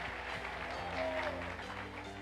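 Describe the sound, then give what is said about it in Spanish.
A crowd claps loudly and steadily throughout, a dense wash of hands over sustained musical tones, with some indistinct voices mixed in. “Dele fuerte aplauso a los que quieren salir.”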